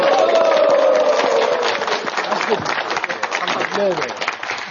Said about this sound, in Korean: 우리 저희 장로님들, 집사님들 사실 외모는 이게 예비역이거든요. 아, 그렇지만 이게 함성은 현역이신 것 같아요. 훈련소입니다, 훈련소. 네, 예. 정말 너무 함성이 좋으시고